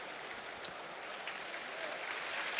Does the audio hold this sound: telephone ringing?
no